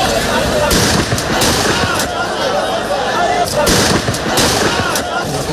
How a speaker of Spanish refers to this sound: Estos son disparos al aire, no a la persona. Al aire.